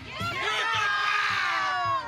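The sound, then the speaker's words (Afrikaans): A large group of schoolchildren at Newton Park Law School shouting and cheering together, a loud sustained roar of many young voices with rhythmic thumps underneath, like a crowd chanting. “Vir wie skree julle?”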